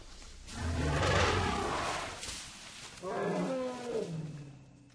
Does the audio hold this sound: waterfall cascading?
no